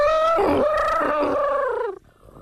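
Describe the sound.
A person imitates an elephant trumpeting with one loud, brassy wail that wavers in pitch for about two seconds before breaking off abruptly into quiet.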